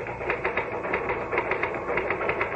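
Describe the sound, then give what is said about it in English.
Rapid, irregular clacking of typewriter keys over a steady mechanical hum, the keystrokes coming in quick bursts at a moderate level with no voices. “All the time I was typing, I felt myself pulling back, trying to make my fingers stop.”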